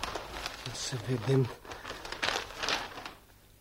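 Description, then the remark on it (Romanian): Crisp paper rustling and crinkling in several bursts as a newly arrived newspaper is unfolded and shaken open in an office in the morning, with a brief low voiced murmur partway through. “Și totuși e adevărat. A sosit ziarul.”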